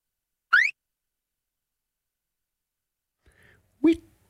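Two short electronic bleeps at the end of a music track, with a quick rising, chirping pitch, separated by about three seconds of silence, with a faint blip just before the second one. No music or voices.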